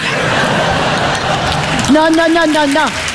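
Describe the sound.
An audience applauds a joke about footballers in a dense, steady wash of clapping mixed with murmuring, and near the end a man's voice starts speaking over it.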